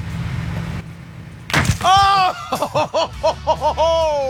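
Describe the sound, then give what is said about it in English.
A lasagna, dropped in a drop race against a trifle, hits the splat zone first, landing with one sudden, loud splat after a low rumbling lead-in, followed at once by a burst of excited whooping and laughter-like voices in quick, rising cries. “The lasagna hit the splat zone first.”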